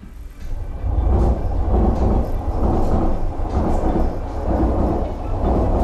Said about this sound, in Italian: Il suono del treno che passa è una costante nel luogo che sarà al centro della puntata di Battiti di questa notte